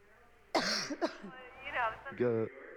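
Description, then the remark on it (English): A woman's harsh cough bursts out, followed by a second sharp cough and rough, voiced throat-clearing sounds that trail off, then one more strained, hoarse vocal hack. “She's got a bad cough.”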